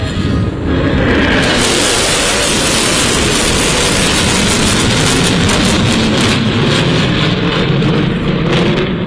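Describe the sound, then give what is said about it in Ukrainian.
US B-1 Lancer strategic bombers roar overhead in a loud, dense rumble that starts almost at once and holds steady for several seconds, a continuous jet noise filling the air with no voices. “Реакцію на літаки вдалось зафільмувати журналістам.”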